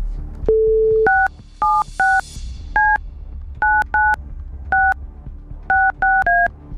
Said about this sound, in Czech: Tak vytočil jsem telefonní číslo někoho z vás, kdo jste nám poslali SMSku s informací, co chcete proplatit.